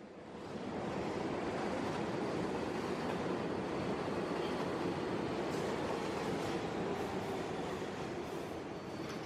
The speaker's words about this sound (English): We're on the subway and it's a long trip.